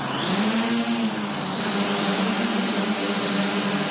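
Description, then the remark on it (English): A swarm of show drones, each loaded with a pre-programmed show flight, lifts off in a loud, steady mechanical whir: a low droning hum layered with a thin high whine, rising slightly at first, then holding constant. No one speaks. “We have a program that communicates with the drones.”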